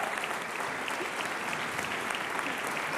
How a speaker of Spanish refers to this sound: Y que este aplauso siga.